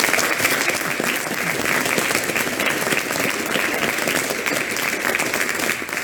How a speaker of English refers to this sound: Give these men a round of applause.